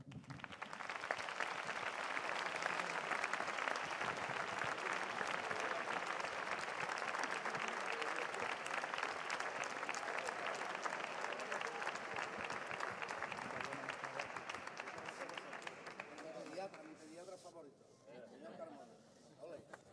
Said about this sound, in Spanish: pero bueno, ha habido una magnífica representación de Cantores de Hispali al cual cito para que venga aquí delante y también tenga su merecido aplauso.